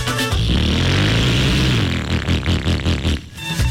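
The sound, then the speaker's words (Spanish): A loud motorcycle engine revs, its pitch climbing, then settles into a rough, pulsing throttle burble before revving again near the end. No one speaks. “Yo no sé por qué algunas personas piensan que si la moto se oye más duro, ellos se sienten más poderosos.”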